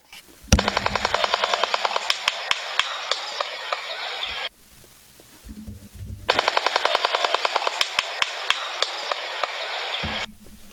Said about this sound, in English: That's nuts. It does sound like a jackhammer. That's a good way to describe it. So that was the bill clattering or the jackhammer noise in the beginning and then some clapping after that.